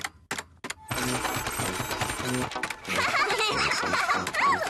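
A printer prints out a page of blue triangles after a few short clicks: a steady mechanical whirring with a rhythmic chugging pulse that rises slightly toward the end.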